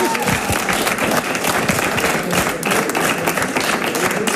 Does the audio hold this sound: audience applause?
yes